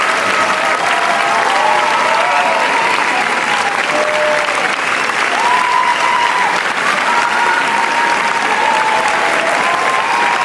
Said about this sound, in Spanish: Si quieres podemos estar así los próximos 20 minutos. ¿20 minutos? Sí, hay una Qué ovación guay. De 20 minutos, evidentemente. La gente da la vuelta aplaudiéndoles. Qué maravilla.